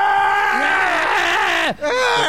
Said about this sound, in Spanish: mazmorra se escucha el grito del 9.